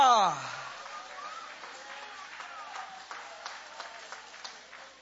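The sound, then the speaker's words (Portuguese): A church audience applauds with raised hands in a steady, diffuse wash of clapping with scattered sharper claps, after a brief sliding vocal tone at the start, with voices mixed in. “Levanta a mão aplaudindo, levanta a mão adorando.”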